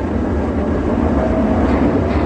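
Tram cars rumble loudly and steadily as they rush downhill, gathering speed, with a faint metallic squeal of creaking running through the continuous roar. No one speaks.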